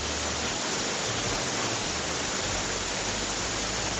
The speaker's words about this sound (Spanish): Hola, en este momento en Sullán tiran el agua con balde, escuchen.